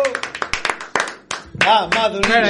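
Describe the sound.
Quick, uneven hand claps from a small group ring out for about a second and a half, then loud voices call out over a few remaining claps.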